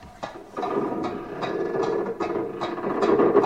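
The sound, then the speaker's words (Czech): A drawbridge being lowered, with a steady mechanical grinding and rumble broken by regular ratcheting clanks about twice a second, moderately loud and with no voices. “Právě přijel padací most.”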